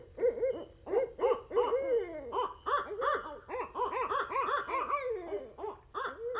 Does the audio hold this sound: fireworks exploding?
no